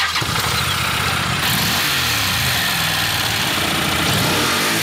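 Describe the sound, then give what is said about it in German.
A Honda NC750X motorcycle engine starts and runs, rumbling steadily and then revving up and down in several throaty bursts, loud and continuous with no talking. “NCS 750X. Eine Honda.”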